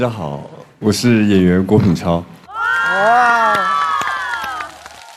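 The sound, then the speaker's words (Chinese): A man speaks briefly, then an audience welcoming actor Guo Pinchao bursts into a loud burst of cheering and high-pitched shouting, with scattered claps breaking through the roar until the end. “接下来有请郭品超带来他的分享，掌声有请超哥。”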